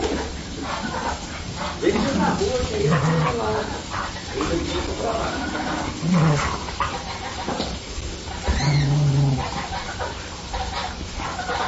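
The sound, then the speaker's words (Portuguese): Dogs bark and yip in several scattered bursts over about twelve seconds while playing with a small goat about their own size, with lively scuffling and indistinct voices in the background. “segue o vídeo do nosso mini bode Chico, ele brincando com os cachorros”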